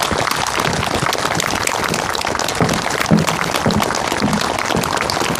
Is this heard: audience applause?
yes